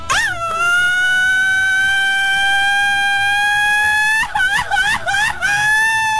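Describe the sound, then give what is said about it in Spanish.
A man lets out one long, loud, sustained shout, its pitch climbing slowly for several seconds before breaking into shaky, wavering cries at the end. “Oye, dame la revancha para el grito, amigo.”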